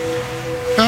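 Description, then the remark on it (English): Steady, soft wash of ocean waves with a constant low hiss, fairly loud, briefly joined near the end by a brighter, sharper sound. “But you wash that all away with Game, and now you're drifting asleep to the scent and sound of waves.”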